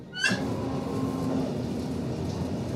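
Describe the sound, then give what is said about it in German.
A steady, rumbling ride on a train in Germany, heard from inside a carriage as it runs at times quite fast along a winding river through hilly country: a brief metallic squeal at the start followed by continuous low rolling noise and a faint hum. “Obwohl wir teilweise ziemlich schnell fahren. Oh. Es geht weiter.”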